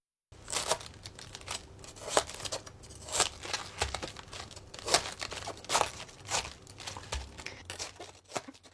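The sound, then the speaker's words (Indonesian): A knife cuts into the hard core at the base of a cabbage, with the cabbage tilted to cut out a cone shape so the leaves can be peeled off, making repeated crisp crunching and crackling sounds in uneven bursts, with the leaves rustling between cuts. No one speaks. “Untuk membuang bagian pangkal, palikan kol, gunakan pisau untuk memotong bagian tengahnya yang keras.”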